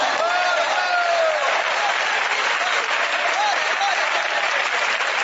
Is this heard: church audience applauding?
yes